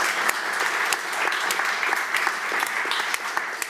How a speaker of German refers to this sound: Einen großen Applaus für unsere tolle Kunsterklärerin.